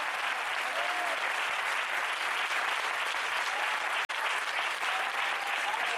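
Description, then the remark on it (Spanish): An audience applauds steadily as praise to God, a dense, loud wash of clapping that fills the whole stretch with only a brief break near the end, with faint whoops rising over it. “Fuerte ese aplauso si es para él.”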